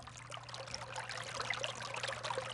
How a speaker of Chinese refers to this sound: 来到小溪旁